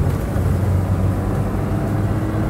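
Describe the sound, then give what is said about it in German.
A steady, low engine rumble and road noise from a moving car, continuous and fairly loud throughout, with no voices. “Halten Sie das Auto an.”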